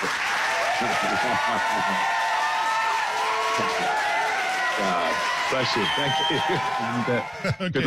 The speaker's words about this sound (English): Hey, the guys here in the studio say, let's give that a big round of applause.